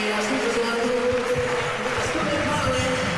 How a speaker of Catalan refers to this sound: Ovació per Sulemanovic. Correcte. Substituït. Eliminat, en aquest cas, amb 5 faltes, 20 punts.